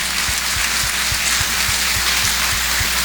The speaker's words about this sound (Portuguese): Por isso, vamos bater uma forte salva de palmas para esses nossos irmãos e irmãs.